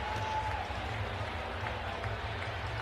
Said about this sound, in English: Stunned crowd here in Pittsburgh cannot believe it.